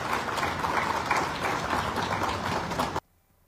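A crowd applauds steadily for about three seconds, a dense wash of many hands clapping at once, then it cuts off abruptly into near silence. The applause is for a woman receiving the deed to her property at a handover ceremony, given by the Secretary of Urban Development.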